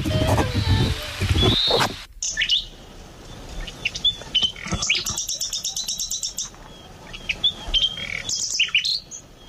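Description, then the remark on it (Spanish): A nightingale sings a varied, lively song of sharp whistles and fast repeated-note trills, heard clear after a brief opening burst of low rumbling noise. “Esto es un ruiseñor.”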